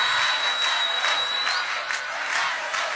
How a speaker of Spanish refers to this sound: Todos, todos, palmas, todos, todos, todos.